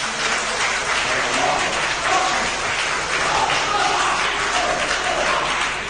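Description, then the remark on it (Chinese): Sustained audience applause at a Chinese crosstalk (xiangsheng) performance, a dense, steady wash of many hands clapping at an even loudness for several seconds, with no one speaking over it. “感谢您的掌声， 谢谢大家。”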